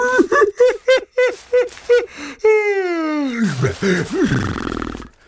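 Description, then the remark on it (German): A voice gives a string of short rhythmic vocal bursts, then a long drawn-out yawn with a sustained tone sliding down into a breathy, groaning finish. “Und gähnt wieder.”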